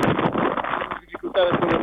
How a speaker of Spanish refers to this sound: Sí que tenemos dificultades con el ventarrón.